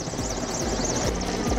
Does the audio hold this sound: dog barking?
no